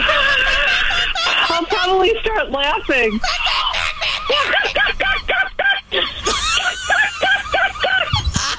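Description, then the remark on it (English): A person imitates a seagull's screech with a string of loud squawking cries that rise and fall, broken up by giggles and laughter. “than 70 people from 15 countries flocked to the seagull screeching championship, and they tried to impersonate a seagull.”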